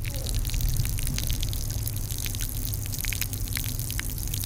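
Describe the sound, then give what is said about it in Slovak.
Spring water at a spa in Slovakia trickles and splashes into a container as a visitor draws it to drink, a steady patter of small drips and spatters over a constant low rumble in the background. “Naberám ju, pretože mi robí dobre na tráviačku, žlč mi ustúpila, nemám také problémy, že sa v noci zobudím a mala som záhu až kde si hore v nose a teraz je to v poriadku.”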